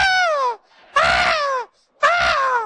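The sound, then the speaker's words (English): A voice imitates a woman screaming while riding a runaway horse: three loud, high-pitched cries, each sliding downward in pitch, separated by brief pauses. “I heard this screaming in the back.”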